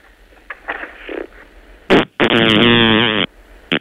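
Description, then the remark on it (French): A loud fart from a frog: a short sputtering burst, then a long, buzzy, wavering blast lasting about a second, with fainter noises before it and a brief sputter at the end. “Voilà, vous avez entendu. La grenouille a pété.”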